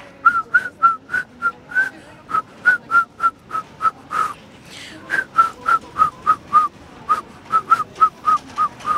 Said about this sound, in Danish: Og jeg tænker, at du skal have lov til at fløjte nu. Værsgo.